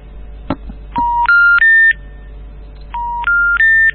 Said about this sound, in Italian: Questo è il tuo cellulare che non prende.